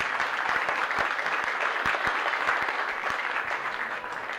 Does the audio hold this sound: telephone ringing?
no